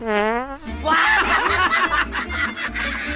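A short, buzzy fart sounds for about half a second, then several people break into snickering, chuckling laughter.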